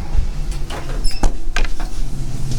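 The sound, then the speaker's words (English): A door slides or swings open with a mechanical rattle and a few sharp clicks over a steady low rumble of background noise. “Opening the door, and here we go.”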